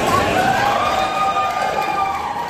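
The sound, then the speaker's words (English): A large crowd in the Canopy Hotel ballroom on election night murmurs and chatters steadily as results are shown on large projector screens, many overlapping voices blending into a dense, even hubbub with no single speaker standing out. “About an hour later, large projector screens displayed the results to the crowd in the Canopy Hotel ballroom.”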